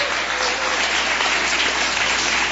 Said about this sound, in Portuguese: Pode louvar o Senhor com palmas.